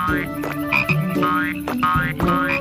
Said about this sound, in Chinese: 但我和咕咕鸡听到郁金香花圃里传来奇怪的声音，跑出来一看， 是那些小青蛙，他们太害怕了，就一路跳到镇上了。 在冒险湾到处都能看到这些小青蛙。